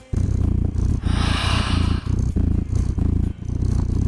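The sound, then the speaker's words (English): A recording of a cat purring, played from a website, steady, a deep rumbling drone pulsing in regular cycles of breathing, with no talking over it. “Don't you just want a cat snuggled up on you doing that?”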